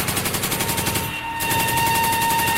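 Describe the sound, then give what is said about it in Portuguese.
Loud, rapid automatic gunfire rattles in dense bursts, pauses for a split second, then resumes just as fast, on a police firing line with a police sharpshooter. No voices, only the steady crackle of shots. “Nossa atiradora de elite, Ellen Costa, está na linha de tiros.”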